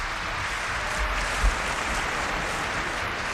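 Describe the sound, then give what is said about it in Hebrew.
Steady audience applause: a dense, even patter of many hands clapping at once, moderately loud and continuous for the whole stretch, with no voices heard over it. “איפה מחיאות הכפיים שלכם לדודי?”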